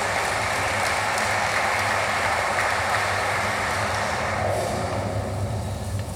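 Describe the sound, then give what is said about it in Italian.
Steady, dense audience applause for the secretary general of the Ministry of Foreign Affairs and International Cooperation, Riccardo Guariglia, as he is called to the stage. A continuous wash of many hands clapping at an even loudness, with no voices standing out above it. “Vi chiedo un quarto applauso per il segretario generale del Ministero degli Affari Esteri e della Cooperazione Internazionale, il dottor Riccardo Guariglia, che chiamo sul palco.”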